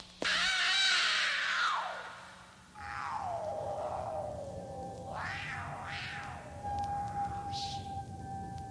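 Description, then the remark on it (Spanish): A cat lets out a long, loud, strained yowl, then a series of wavering, rising-and-falling meows and cries that continue without a break, distressed, with no talking. “¡Maldito gato! ¡Te voy a enseñar a morder a tu amo!”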